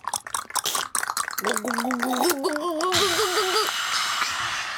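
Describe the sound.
Children's voices imitate gulping from a bottle: quick, choppy glugging bursts give way to a sustained, wobbling vocal hum that rises and falls in pitch, with a hissy wash underneath.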